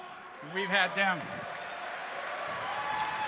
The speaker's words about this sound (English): Don't clap too much, because they're, you know, they get a little big-headed.